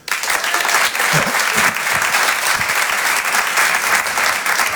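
Sustained audience applause, a dense steady clatter of many hands clapping at an even loudness for the whole stretch, with a few faint voices mixed in.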